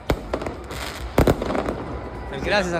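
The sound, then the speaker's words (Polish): Fireworks bang and crackle at night in a noisy crowd of Leo Messi's fans dancing, singing and celebrating in the streets of central Buenos Aires, Argentina, with several sharp bursts in quick succession, a cluster of louder cracks mid-way, and voices rising over the din toward the end. “Na ulicach centrum Buenos Aires fani Leo Messiego i jego kolegów tańczyli, śpiewali i odpalali fajerwerki do drugiej w nocy, czyli 7 rano polskiego czasu.”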